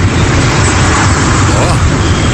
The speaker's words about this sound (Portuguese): Ô, louco, não dá pra te ouvir, rapaz. O barulho do avião, tá, as turbinas do avião tá, ó.